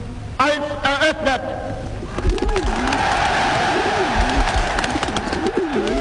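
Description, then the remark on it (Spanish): Doves coo repeatedly over a dense, steady roar of stadium crowd noise, with a brief burst of voices near the start; the cooing is moderately loud. 20,000 doves are released as a symbol of peace at the opening of the 1936 Berlin Olympic Games. “20.000 palomas fueron liberadas como símbolo de la paz e inmediatamente sonó la artillería.”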